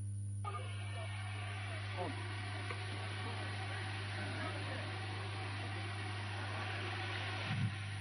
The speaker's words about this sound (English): Sound of drones blasting through the air as the presidential communication team begin the tour of the National Agency for Science and Engineering Infrastructure, NASENI facilities, at the headquarters in Idu Industrial Area, Abuja.